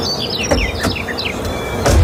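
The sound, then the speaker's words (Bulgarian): Parrots at the Mömax store on Skopie Boulevard 6 in Sofia chirp in a quick run of short, high, sweeping tweets, broken by a few sharp clicks, with a low rumble swelling at the very end. No one speaks. “Срещни папагалите на 30 и 31 май в Мьомакс, София, на булевард Скопие 6.”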